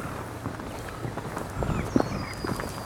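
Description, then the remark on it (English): Footsteps tread steadily uphill over rough ground on a hill's north slope, rising from a river, outdoors. The crunching steps are moderately loud against a breezy background, and the wind increases during the climb. Faint, thin whistles sound high up. “The wind increases as I climb the hill.”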